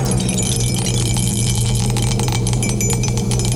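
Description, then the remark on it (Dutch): A die rattles and clicks inside a cup, shaken steadily with repeated sharp clattering hits over a constant low hum, no voices. “De dobbelsteen gaat in de beker. En we gaan eens even schudden en roeren.”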